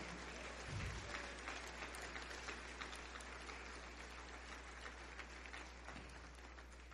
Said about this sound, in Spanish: ¿Alguien puede aplaudir con gozo?